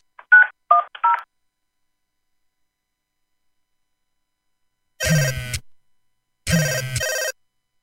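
A quick run of three touch-tone dialing beeps, a pause of silence, then two long buzzing telephone rings with a pause between them. No voices.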